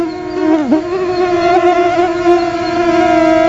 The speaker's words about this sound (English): Well, it's officially mosquito season, and your soundtrack for the summer is probably sounding a little bit like this.